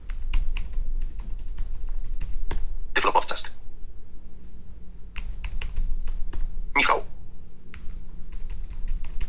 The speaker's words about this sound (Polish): Klawiaturka jest rewelacyjna, bardzo dobry skok. Bardzo się miło na niej pisze. Śmiem twierdzić, że jest lepiej dopracowana niż ta w Braille Sensie.